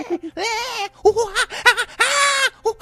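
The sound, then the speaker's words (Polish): A voice mimics a monkey's squeals: a run of high, harmonic-rich wavering shrieks and yelps in quick bursts, with two longer sustained squeals, fairly loud and with no talk over them. “a tutaj biegnie taki małpolud, no bo to taki małpolud w sumie, jak go tam jakiś vigilanti dorwie i pałą teleskopową zdzieli, to on zaczyna tak, wiesz, tak kwiczeć jak małpa, tak.”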